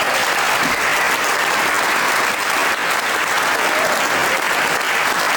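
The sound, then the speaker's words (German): Sustained audience applause, a dense, steady wash of many hands clapping at a constant loud level throughout, with no speech over it. “Ich denke, das ist ein Applaus wert.”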